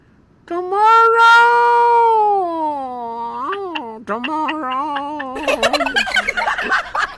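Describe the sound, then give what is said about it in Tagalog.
A turkey calls with a long, wavering, drawn-out note that breaks into quick choppy yelps, then erupts into a loud, rattling gobble for the last couple of seconds. “Kamalo ka, pamatian ko aga ang bayi nga kureng, no? Pamatian ko gid mayo. Ang iya nga huni, muniyo?”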